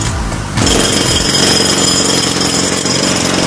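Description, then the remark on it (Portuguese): A jackhammer bursts in after a brief quieter moment and pounds on steadily, a loud, harsh, rapid chatter of blows that holds at constant intensity with no voices. “A britadeira.”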